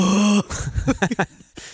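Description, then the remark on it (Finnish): A voice lets out a loud, steady, low-pitched cry, then breaks into a quick run of choppy gasps and yelps, like someone acting out a sudden fright. “Tääpä kuulostaa, kun mä pelästyn oikein kovaa.”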